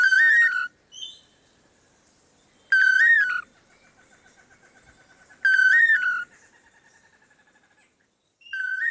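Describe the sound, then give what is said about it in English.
A bird repeats a loud, clear whistled song phrase roughly every three seconds, with softer trailing trills in the gaps. It is alone, with no voices. “song up to 5,000 times in one day. An impressive vocal feat indeed.”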